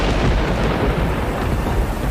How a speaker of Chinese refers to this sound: 哇，真的下雨了